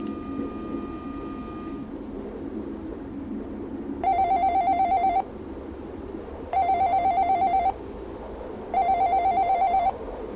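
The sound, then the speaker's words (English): A telephone rings three times, each burst a warbling electronic trill lasting about a second with brief pauses between, after a short steady tone at the start, all over a low background rumble. “a telephone that forever rings with the same recorded message playing...”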